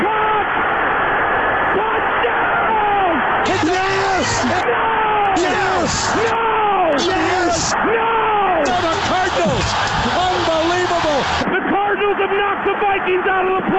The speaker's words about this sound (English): Crowd of Lambeau Field has erupted on the final play of the game in Arizona. Unbelievable.